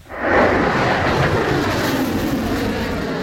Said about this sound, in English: A missile shoots into the sky, leaving a long white tail behind.